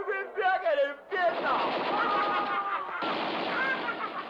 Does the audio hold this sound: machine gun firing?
yes